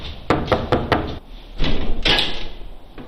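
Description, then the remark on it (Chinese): Four quick knocks rap on an unlocked, ajar door of a man's home as police officers call at it, in an even rhythm, followed by a short pause and then a few more scattered, slightly muffled knocks, loud with no talking. “敲门的时候门也是开着的，虚掩着的，没有锁，然后我们就推门进去了”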